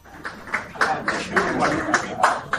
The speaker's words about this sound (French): C'est par ces applaudissements que les récipiendaires de la première cohorte des certificats pratiques du CESTI ont fait leur entrée dans la salle.